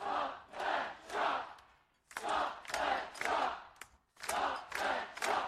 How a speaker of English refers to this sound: In Adelaide's CBD, crowds raised their voices as part of an ongoing turf war in a fight to save the trees.